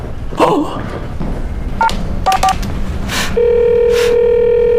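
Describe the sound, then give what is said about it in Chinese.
Someone phones a money changer who has not arrived: several short telephone keypad beeps are dialed, one, then a quick pair and more, followed by a steady, continuous ringing tone over the line, all against faint background noise. “你赶紧给那人打电话去。”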